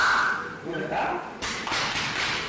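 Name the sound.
hard back slaps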